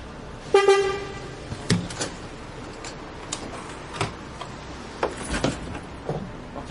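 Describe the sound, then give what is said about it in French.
A bicycle is loaded onto a bus bound for Briançon: a brief horn toot, then scattered metallic clunks, clicks and rattles over a low street hum, with no talking. “Le bus est là. Tiens, on charge le vélo.”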